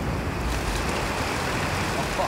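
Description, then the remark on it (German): Steady rain pours down outdoors, a dense, continuous hiss that stays fairly loud and even throughout, with a low rumbling undertone and no breaks. “Also der Gewitter ist natürlich schlecht, aber ansonsten ist ja nur Wasser von oben.”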